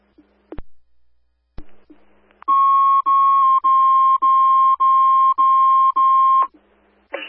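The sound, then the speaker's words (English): A radio dispatch alert tone for an EMS call, sounded at 10:45: after a couple of sharp clicks, a loud, steady electronic tone pulses in about seven quick back-to-back bursts lasting several seconds. “tone for coverage, please. Receive, put the tone on for coverage.”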